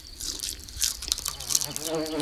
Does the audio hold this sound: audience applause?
no